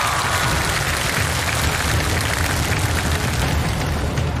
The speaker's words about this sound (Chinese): 你们要完成了，我俩带头给他鼓掌。